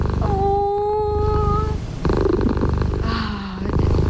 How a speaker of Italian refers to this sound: È vero che hanno un potere terapeutico queste fusa.